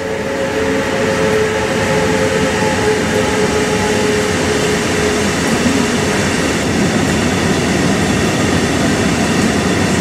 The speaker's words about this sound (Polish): Właśnie pociąg przejeżdża.